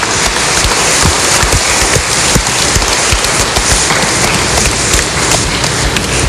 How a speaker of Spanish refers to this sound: Así que muchas gracias, padre, por tu presencia, por tu participación en esta Santa Eucaristía. Le damos un aplauso al padre Edwin.